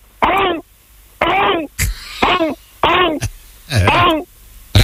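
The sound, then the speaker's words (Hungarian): A voice imitates a raptor dinosaur's call with five loud, rasping, warbling shrieks in quick succession, each cut off by short pauses, the last one more guttural and growling. “és őt még kinézi 3 raptor, és leadja a társainak, hogy gyertek, nagy lakoma van. Hogy szól?”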